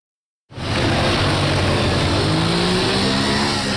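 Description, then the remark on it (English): A motorbike engine by the side of a street starts up abruptly and revs steadily. Its pitch climbs as it accelerates, a loud, rough, continuous roar with no voices. “Sat on a motorbike by the side of the street with an assault rifle in his lap, we meet one of the men authorities are turning to help combat the bandit problem.”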